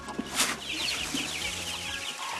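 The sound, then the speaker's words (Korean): A crowd of baby chicks, just moved into a spacious new home in Geumsan, South Korea, peeps continuously, their high, thin chirps overlapping in a busy, steady chorus, with a brief rustling thump early on and no voices. “넓은 공간에 병아리들도 신나 보이는데요.”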